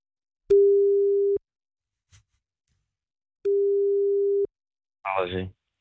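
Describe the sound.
Two long, steady phone ringback tones sound about two seconds apart, clear and fairly loud, followed by a short burst of a voice answering at the end.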